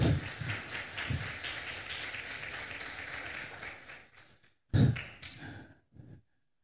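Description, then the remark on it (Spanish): A crowd breaks into sustained applause, a dense wash of many hands clapping that holds steady for about four seconds, then thins out into a few scattered claps before fading to silence. “Dale un fuerte aplauso, a ver.”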